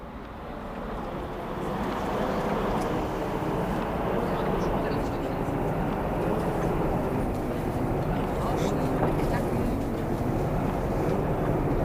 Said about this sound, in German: Na, die Straßenbahn, die rauscht da ganz vor sich hin so.